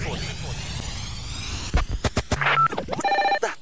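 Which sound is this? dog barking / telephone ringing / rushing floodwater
telephone ringing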